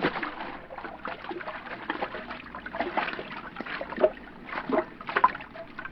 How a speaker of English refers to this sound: I'll swim out and take a look. Thanks. Here I come.